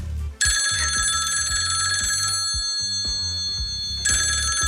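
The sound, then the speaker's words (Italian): A listener's phone ringtone plays loudly: a bright trilling ring sounds for about two seconds over a steady low rhythmic beat, pauses, then the ringing trill starts again. “Allora, invece qui Valerio scrive: io ho questa e ci manda la sua suoneria.”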